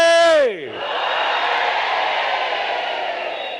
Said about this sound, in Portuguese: Agora, por favor, mulheres, apoiem lá os homens para ver se conseguem fazer chegar o grito lá em Govuro ou em Inhassoro. Vamos gritar todos, mas, por favor, mulheres, apoiem também os homens. Moçambique, oiê!